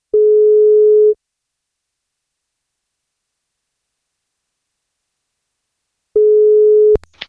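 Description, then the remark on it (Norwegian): A steady electronic ringback tone sounds twice as radio station NFM places a birthday wake-up call. Each beep lasts about a second, with a long silent pause between, followed by a brief click as the line connects. “Vi skal plukke opp telefonen ved og se om vi får tak I”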